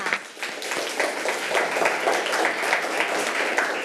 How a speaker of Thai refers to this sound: ปรบมือให้กับกลุ่มที่2ค่ะ